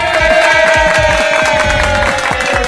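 A crowd claps loudly and steadily, with a few cheers mixed in, while a sustained musical tone hums underneath the dense patter of hands.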